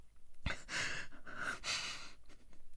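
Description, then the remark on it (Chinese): Heavy, ragged panting as Tang San, exhausted, collapses to sit on the ground, several deep breaths in and out following a brief thump, with breathy, strained exhalations and no speech. “终于，唐三到了他感觉安全的地方，双腿一软，再也坚持不住，一屁股坐倒在地，大口大口地喘息着，就连手中的黑匣子都有些握不稳了。”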